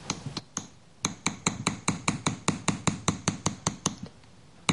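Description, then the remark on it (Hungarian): A small hammer taps a metal acanthus leaf ornament to smooth it, in a quick, steady series of light, ringing strikes, with a few scattered taps before the regular rhythm sets in. No one speaks. “Itt látható, hogy a baloldali akantuszlevél csokor már szép fényes lett kalapálva némelyik része, a jobb oldalon viszont még sokkal szaggatottabb.”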